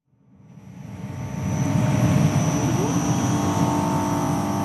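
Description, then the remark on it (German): A steady, constant electrical hum from 28 shipping-container-sized battery storage units at a battery storage plant in Gurtnellen, Canton Uri, Switzerland, beside the motorway toward the Gotthard, swells in over the first two seconds, then holds level, with a low droning rumble and a thin high whine on top; no one speaks. “Wäre da nicht dieses leise, konstante Brummen?”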